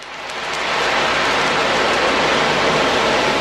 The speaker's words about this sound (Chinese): 在蒲黄榆社区卫生服务中心安宁疗护病房里，海浪鼓轻轻摇动，模仿着海浪拍岸的声音。